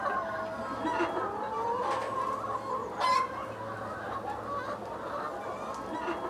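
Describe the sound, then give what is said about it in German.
Several hens cluck and murmur continuously inside a henhouse, a dense overlapping chatter with occasional sharper squawks standing out, steady throughout. “das nennt man Glucke.”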